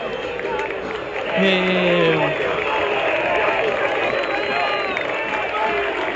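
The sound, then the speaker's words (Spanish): A stadium crowd roars steadily, with scattered applause for Santi González mixed into the dense wash of noise and a brief, low voice-like call rising over it early on. “Y ahora caen algunos aplausos para Santi González, que me parece que son merecidos.”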